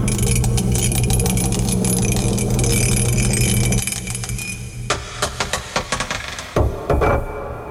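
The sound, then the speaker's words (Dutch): A die rolled to pick a category in a song game rattles and rolls across a hard surface with a steady clatter, then spins out in a series of quick, sharp clicks that slow and stop, landing on number 1. No one speaks. “Hij tolt nog eventjes na.”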